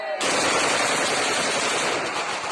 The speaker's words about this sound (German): Dann fallen Schüsse, Balofies, Freudenschüsse.